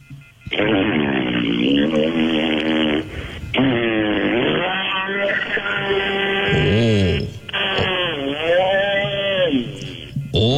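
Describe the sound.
A voice imitates a chainsaw cutting a tree: loud, buzzing, sustained drones in about four long bursts, the pitch revving up and dipping down between short breaks.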